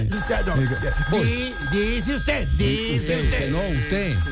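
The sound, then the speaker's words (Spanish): A telephone rings loudly and steadily throughout, its bright tone persisting under voices that talk over it with rising and falling pitch. “conteste ahí, afanador, por favor. Suena duro de teléfono”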